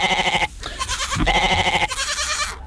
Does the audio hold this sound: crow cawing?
no